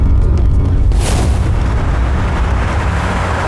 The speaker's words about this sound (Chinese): 好像不是，出大事了！快走，走，快点，快走！ 这是爆炸了！